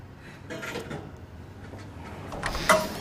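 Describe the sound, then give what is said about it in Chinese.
A door is opened with a clunk of the latch and a short creak near the end, over a low rumble of room noise and some faint scraping. “开门，开门，开门！”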